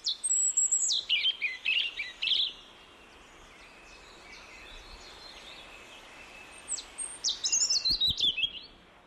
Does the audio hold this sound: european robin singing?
yes